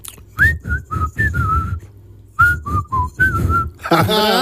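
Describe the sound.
A person whistles a tune in two short phrases of clear, mid-high notes separated by a brief pause, with a low rumbling background underneath and a burst of busier sound at the end.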